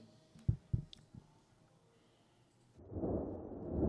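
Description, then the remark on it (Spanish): A few deep, dull thumps sound early on, then a broad, low thunder rumble swells up and keeps growing louder through the end, with no one speaking. “Escucha los truenos.”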